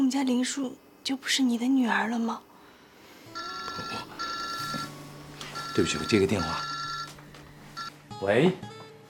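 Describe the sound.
A telephone rings in repeated electronic bursts, loud, with short gaps between rings, while people talk before and over it; it is an incoming call that is then answered.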